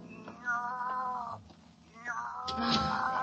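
A cat named Susie meows loudly and insistently, two drawn-out, wavering cries with a short pause between them, plus a brief rustle in the gap, in a dark room after a light bulb burned out.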